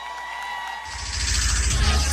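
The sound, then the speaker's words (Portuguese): A crowd applauds a singer's powerful voice, bursting into applause and cheering after a brief, quieter lead-in, the dense clapping and shouts swelling louder and holding steady to the end. “Os aplausos de vocês pra essa voz potente, hein?”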